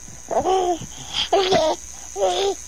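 A baby on the children's show Coquito babbles three short, high-pitched vocal bursts as a greeting to listeners, each a sing-song coo separated by brief pauses, with no adult speech.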